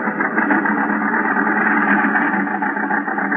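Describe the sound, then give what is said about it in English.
A small car drives along a highway through an increasing storm, lurching and bouncing, its engine drone blending with a dense, steady roar of wind and rain that stays loud without a break. “The storm is increasing now. The little car lurches and bounces in its flight to keep the center of the highway.”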